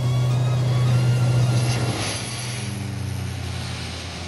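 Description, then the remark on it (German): A small propeller airplane on an organ transport flight, cleared for takeoff with wind from 190 degrees at 2 knots, roars steadily with a strong low hum and broad rushing noise, the tone shifting and easing slightly partway through as it takes off. No one speaks. “Papa Charlie Golf, Wind 190 degrees 2 knots, cleared for takeoff.”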